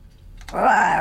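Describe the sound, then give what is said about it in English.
A bobcat lets out a harsh, raspy snarl, bursting in loudly after a brief quiet moment and holding for about half a second. “There's one on here as well called Bobcat Snarf.”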